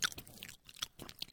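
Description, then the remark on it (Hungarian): Wet chewing of canned tuna as someone eats it from the can, with repeated soft smacking and squelching bites in an irregular rhythm, with no talking. “most a végén pedig egy ilyen ASMR, ahogy … megeszi a tonhal konzervet”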